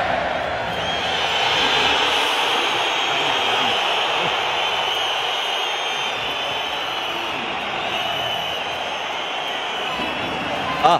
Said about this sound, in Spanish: Aquí está el abucheo de la afición del colchonero a Julián Álvarez.